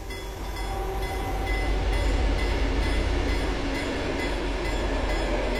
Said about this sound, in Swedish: Där järnvägsrälsen i september 2025 hängde i luften susar nu tågen förbi på en nytillverkad banvall av grått grus.